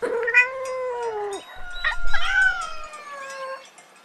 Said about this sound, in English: This is a cat. Cat. What does a cat say?